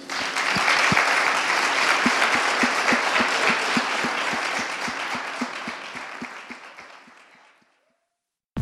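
Audience applause in an auditorium, a final round for scholar poets: a dense wash of many hands clapping steadily and loudly for several seconds before gradually thinning out and fading away.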